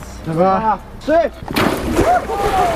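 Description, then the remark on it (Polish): Newly promoted and decorated firefighters from Bełchatów, in full uniform, shout and cheer, then a sudden loud splash as they jump into cold water for Firefighters' Day, followed by churning, sloshing water with excited voices calling out over it. “Tym razem nie lecieli do ognia, ale prosto do zimnej wody i to w pełnym umundurowaniu.”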